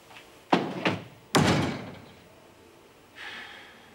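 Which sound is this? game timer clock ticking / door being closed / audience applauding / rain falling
door being closed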